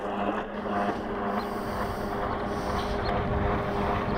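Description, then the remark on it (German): A loud, steady engine roar from a jet ski racing fast along the river heading into the city, a continuous droning hum with wind buffeting underneath and no talking. “Wie bestellt nähert sich ein röhrender Jetski, brettert mit ordentlich Tempo stadteinwärts.”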